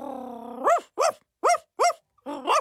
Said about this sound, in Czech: Souhlasně vyštěkla psí kulička a s vděčností olízla tatínkovi bradu a Karolínce nos.